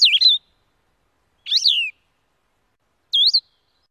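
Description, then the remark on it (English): Three short, slurred, halting whistled phrases of a blue-headed vireo, each separated by a long pause, clear with no other sounds around them, heard in a yard around 6:20 in the morning. “First, the distinctive two-part trill of a Nashville warbler. Then, the halting, whistled phrases of a blue-headed vireo.”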